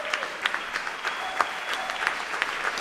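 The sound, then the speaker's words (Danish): An enthusiastic audience at Unitarernes Hus on Østerbro applauds after a performance of Clara Schumann's piano trio for violin, cello and piano. The steady, dense clapping of many hands makes a continuous crackling wash, with occasional sharper claps standing out, moderately loud throughout. “Og de spiller altså for et begejstret publikum her i Unitarernes Hus på Østerbro.”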